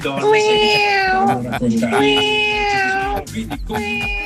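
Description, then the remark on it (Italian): A cat meows loudly, three long, drawn-out wailing calls with short pauses between them, and no one talking over them. “Vabbè, hai parlato di gatti e vengono fuori i gatti.”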